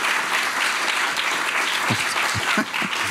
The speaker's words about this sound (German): Das ist Ihr Applaus.